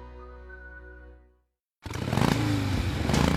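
A motorcycle engine hums steadily, cuts out for a brief pause, then roars back loud with rising, surging revs that carry to the end.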